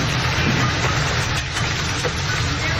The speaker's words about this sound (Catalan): La tempesta d'ahir va afectar la Costa Daurada i el Camp de Tarragona, com ja ho havia fet la de dissabte. Hi van caure calamarsa, pedra i grans quantitats d'aigua, com ho demostren els prop de 90 litres per metre quadrat, acumulats en 3 hores